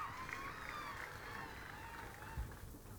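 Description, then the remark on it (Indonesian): A crowd claps steadily for three seconds, a dense, even patter of many hands with faint voices and cheers mixed in, holding at a constant moderate level throughout, applauding the visitors at the Bali Arts Festival (Pesta Kesenian Bali). “Tepuk tangan untuk para pengunjung kita.”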